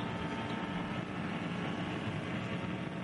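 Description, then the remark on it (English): A loud, steady engine roar heard onboard a racing car as it heads up towards Schwedenkreuz with barely a lift off the throttle, a dense continuous drone with wind and road noise holding at one level throughout, with no voices. “On board with Alexander Sims, we're listening to the engine note as he heads up towards Schwedenkreuz.”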